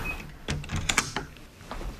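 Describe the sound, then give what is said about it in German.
A telemedicine booth door in a pharmacy in Heringen, Hersfeld-Rotenburg district, Hesse, closing with a short series of mechanical clicks and clunks, a motorized whir, and a final soft thud, moderately loud, with no voices. “Und da ist die Tür wieder zu.”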